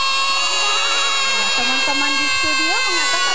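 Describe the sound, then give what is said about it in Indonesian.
A voice imitates a goat's bleat with a drawn-out, wavering nasal cry that trembles in pitch, over a steady tonal background hum. “Kalau suara kambing, suaranya seperti apa ya?”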